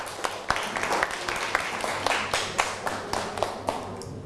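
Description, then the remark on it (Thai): A group breaks into applause for classmates of group 6, many hands clapping in a dense, uneven patter with sharper individual claps standing out, steady for a few seconds over a low background hum. “ปรบมือให้กับเพื่อนกลุ่ม6หน่อยครับ”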